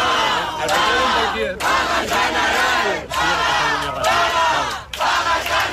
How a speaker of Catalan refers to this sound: cap a quarts de quatre un grup d'acampats feien pinya sota una carpa mentre escoltaven les votacions i en saber-se el resultat han esclatat en diverses consignes. Una aquesta.